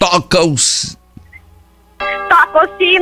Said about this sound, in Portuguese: Toca o sino